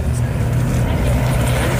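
A vintage Spanish Civil War propeller airplane from the Fundación Infante de Orleans collection, flying in a battle recreation at Villanueva del Pardillo, drones loudly and steadily, a deep, throbbing rumble that holds constant for the whole moment, with no voices over it.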